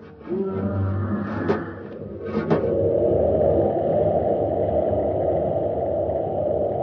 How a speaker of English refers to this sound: Commander, it's right outside the door. It's clawing at the ship. Keep your fingers crossed, Happy. That beast is big enough to crush this ship like an eggshell.